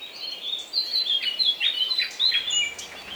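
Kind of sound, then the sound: bird, nightingales singing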